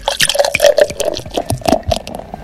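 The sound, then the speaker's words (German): Liquid pours into a glass in a steady, gurgling stream, with quick splashy drips and a faint ringing tone running through it. No one speaks. “Ah, schwupps, als drin voll.”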